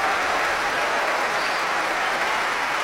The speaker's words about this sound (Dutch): En opnieuw een groot applaus voor ….